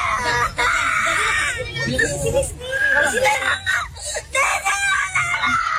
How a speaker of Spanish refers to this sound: Pero llorando. Haciendo berrinche.